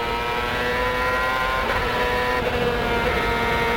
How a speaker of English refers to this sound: Coming off the last corner, let's listen to the engine now.